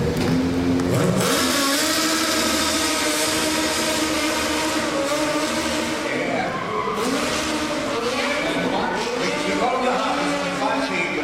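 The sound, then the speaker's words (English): Loud stunt car engines rev and roar continuously, with rising and falling pitch and some tire screech, as several stunt vehicles drive amid crowd or voice noise. “To the seat so we can drive these cars.”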